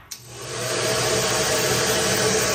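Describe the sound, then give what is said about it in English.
A hair dryer clicks on and quickly rises to a loud, steady whooshing roar with a low motor hum underneath, blowing continuously. No voices. “But if you believe online chatter, a hair dryer might be the myth of choice behind two unusual temperature spikes in April, detected at Roissy Charles de Gaulle Airport.”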